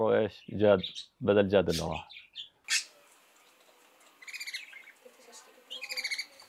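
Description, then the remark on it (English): A pet bird lets out a few loud squawking calls, then after a short pause gives two softer bursts of rapid, high-pitched chirping. “I even have a bird here now that reminds me of him.”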